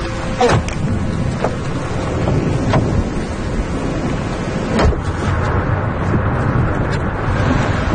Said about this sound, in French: Là, on est vraiment au cœur de l'orage. Hein. Ouais. Là, il y a la pluie, le vent, les éclairs.